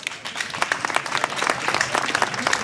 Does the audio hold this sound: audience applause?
yes